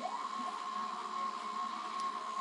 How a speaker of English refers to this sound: But it's an analog drone synthesizer that uses the information on the weather. Oh, that's right. Yes. This is one of my personal favorites. This is great to have going when you're working.